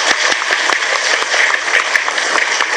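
A crowd breaks into steady applause for the Department of Fisheries, many hands clapping densely and continuously at a fairly loud level for a few seconds, with no one speaking over it.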